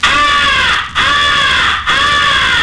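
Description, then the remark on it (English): A crow distress call, the 'come here' call used to attract distant crows, is blown on a game call. Three loud, raspy, wavering squalls run almost together with brief breaks between them, harsh and high-pitched, with no talking. “It is a call of a crow in distress.”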